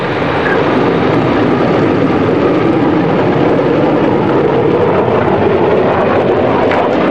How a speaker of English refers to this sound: Bluebird was set to go. Coniston water smooth as glass. The official timekeepers alerted. Donald Campbell sent the jet hydroplane full out along the measured kilometer.